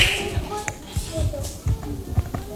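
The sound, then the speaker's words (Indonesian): Children applauding a classmate who recited the Indonesian student pledge, clapping their hands in loose, uneven bursts of sharp slaps, a group applause of moderate loudness with faint voices murmuring underneath. “Iya, berikan tepuk tangan juga”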